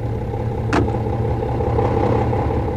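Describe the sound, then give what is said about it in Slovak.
A car engine hums steadily, with a brief sharp click partway through as the vehicle pulls away to drive to a warehouse, the low rumble continuing throughout. “sadaj rýchlo na auto. Prevezím ťa do skladu a odtiaľ sa vrátime sem a naobedujeme sa.”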